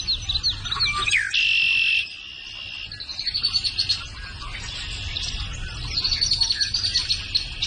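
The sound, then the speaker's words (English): Birds chirp and sing outdoors in a steady, overlapping chorus of high, quick calls, with a continuous insect-like buzz beneath and no voices. “blackbirds in the morning and the whippoorwills and the bullfrogs.”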